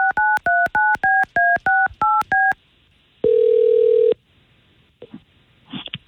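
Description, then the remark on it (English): A phone number is dialed by the hosts of the K92.3 morning show: eight quick, evenly spaced touch-tone beeps, then a single steady tone lasting about a second, followed by faint clicks and rustling. “All right, let's call Christine and find out.”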